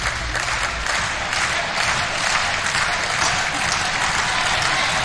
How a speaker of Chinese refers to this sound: 现场的观众也在不断的给兰弗利和博加德这对东道主组合加油。